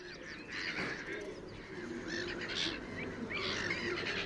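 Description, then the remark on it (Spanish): Black-headed gulls (Croicocephalus ridibundus) calling together by the Tagus river, a steady chorus of overlapping harsh, squealing cries from several birds, with a low rumble of background noise underneath throughout. “Las gaviotas reidoras, nombre científico, Croicocephalus ridibundus, forman parte inseparable del paisaje del Tajo.”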